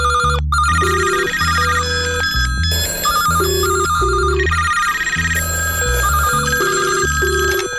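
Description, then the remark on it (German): A telephone rings with a loud, steady electronic melody, repeating tonal bursts in a bouncy rhythm for several seconds, clear with no voices. “wer ist am Telefon?”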